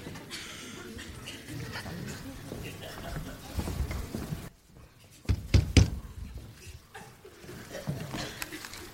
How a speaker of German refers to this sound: Wenn man an eine Amtstür klopft, dann hat man zu warten, bis jemand hereinruft.